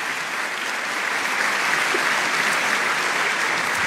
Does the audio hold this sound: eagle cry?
no